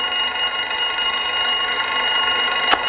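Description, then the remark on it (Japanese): An alarm clock rings continuously, a loud, steady metallic buzzing that fills the whole clip without pause, with no voices. “え、目覚まし？”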